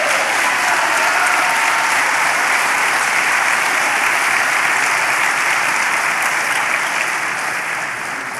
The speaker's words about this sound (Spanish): Dele palmas al Señor.